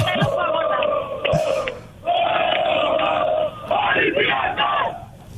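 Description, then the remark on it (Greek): A large crowd of fans chants and sings together at packed cafés with TV screens set up outside under rain covers in Pasalimani, Piraeus, Greece, ahead of an Olympiacos match, in loud, sustained bursts, with raised voices swelling and briefly dipping before surging again in a festive roar. “Όλοι είχαν κλείσει εδώ και πάρα πολλές μέρες τις ακούτε το κλίμα, πανηγύρι από τώρα. Πανηγύρι, τραγούδι.”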